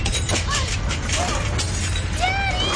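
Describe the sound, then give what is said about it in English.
Glass shatters and debris crashes through a constant low rumble during an earthquake, with sharp bursts repeating across the chaos while voices cry out over the din. “The broken glass!”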